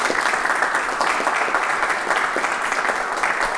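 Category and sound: crowd, studio audience applause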